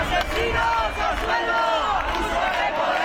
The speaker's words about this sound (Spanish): Más de 2.000 personas han recorrido este domingo las calles de Bilbao para denunciar la actuación de la Ertzaintza a la llegada de los activistas de la delegación vasca de la Global Sumud Flotilla. Gritos y proclamas contra el gobierno vasco.